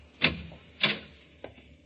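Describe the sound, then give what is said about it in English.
A door in a cellar is opened with three short knocking clatters of latch and wood, evenly spaced, the last one lighter, with no voices. “Another door.”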